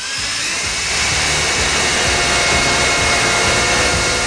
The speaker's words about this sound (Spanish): ¿Por qué el vecino del tercero coge el taladro un domingo a las 8 de la mañana? O sea, es que, ¿qué sentido tiene eso, por favor?